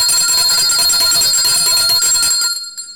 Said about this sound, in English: Isn't that beautiful? We have to ring the bell.